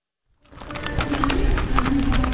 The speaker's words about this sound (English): A black and white horse trots confidently to an outdoor arena that he knows well. It transforms into a stage for Eastern Oregon history every September.